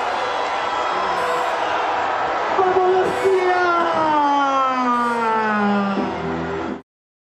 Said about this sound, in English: Then it was off to the royal reception, a meeting with the Prime Minister as well, before the party hit the streets of the Spanish capital, the open-top bus parade where thousands have lined the roads to celebrate with them.